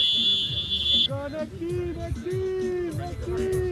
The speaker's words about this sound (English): That's his phone timer going off. A five-minute match is done.